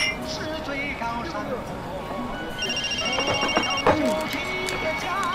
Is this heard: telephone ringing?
yes